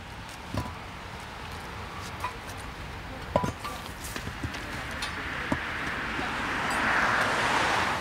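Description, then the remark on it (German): A street sweeper truck picks up piles of debris from a roadway with a steady, rushing brush-and-suction noise, scattered knocks and clatters, and a hiss that swells louder toward the end. No one speaks. “Nachdem der Kehrwagen die Haufen aufgesammelt hat, wird die Fahrbahn umgehend wieder für den Verkehr freigegeben.”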